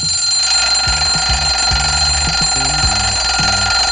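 A loud electronic alarm clock rings steadily for the whole stretch, its shrill tone sustained while a lower pattern of short pulsed beeps repeats in a quick rhythm. No one speaks.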